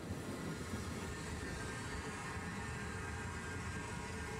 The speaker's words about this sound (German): 1886 erteilte er daher den Auftrag zum Bau der ersten deutschen Bäderbahn, die in nur 6 Wochen fertig war. Zwei Züge verkehren immer gleichzeitig auf der Strecke. Treffpunkt Heiligendamm.